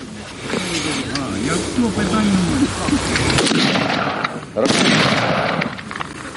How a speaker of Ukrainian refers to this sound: 5 пострілів.